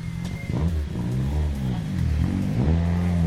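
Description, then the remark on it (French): A Ford Escort rally car, not a modern car, revs its engine hard, its harmonic whine rising and falling through several quick throttle blips over a steady rumbling low end, with no voices. “Allez, là aussi, c'est une fameuse mécanique.”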